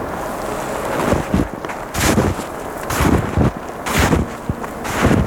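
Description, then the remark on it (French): Footsteps crunch through snow in a wild place in winter, in a steady walking rhythm, around nine crisp, gritty steps over a constant windy hiss, with no voices. “Que c'est beau! Écoutez le crissement.”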